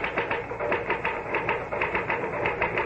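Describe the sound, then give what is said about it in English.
A typewriter clacks away in a rapid, steady stream of keystrokes, fairly loud, with a mechanical rattle underneath and no voices. “Well, the truth is that the typewriter, or rather, Mr. Gahn, does all the brain work.”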